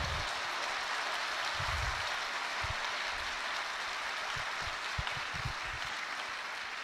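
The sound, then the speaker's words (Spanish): Steady crowd applause, a dense continuous patter of many hands clapping at an even level throughout, with occasional low thumps beneath it and no voices. “Démosles un aplauso, por favor, pasen.”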